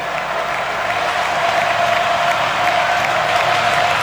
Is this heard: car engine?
no